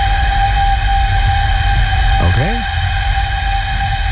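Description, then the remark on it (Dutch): A 600-year-old flute being blown, holding one steady, reedy, high-pitched note rich in overtones for the whole stretch, with a brief swooping glide in pitch partway through. “Dit is een persoon die blaast op de fluit van 600 jaar oud.”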